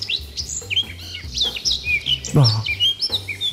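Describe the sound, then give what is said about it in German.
A Eurasian blackcap, a greyish bird about 15 cm long with a black cap, sings a rich, fluty warble of quick, varied whistled phrases that flow almost without pause, clear over a faint low rumble. “Die Mönchsgrasmücke, 15 cm lang, gräulich, mit einem schwarzen Belly auf. Und die klingt so.”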